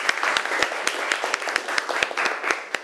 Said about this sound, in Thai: เรามาดูการนำเสนอของกลุ่มต่อไปกลุ่มที่2กันได้เลยครับขอเสียงปรบมือให้กลุ่มที่2ครับ